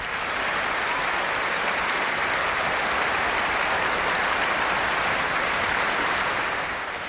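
Sustained applause from a large concert audience at the Concertgebouw in Amsterdam on 1 July, after a performance of Gershwin's Rhapsody in Blue, a dense, steady wash of clapping that holds at an even, fairly loud level for several seconds before easing slightly at the end, with no voices.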